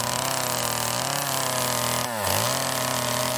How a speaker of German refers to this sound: Aber jetzt gibt es ehrliche Handarbeit. Kettensägenarbeiten.